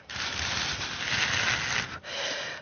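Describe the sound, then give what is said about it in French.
Breathy, whooshing gusts from someone blowing on paper strips, imitating wind: a long steady rush of about two seconds, a brief gap, then a shorter second blow. No one speaks. “découvrir les languettes qui sont toutes prises pour faire le bruit du vent.”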